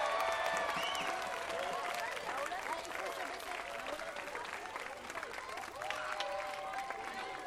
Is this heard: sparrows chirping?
no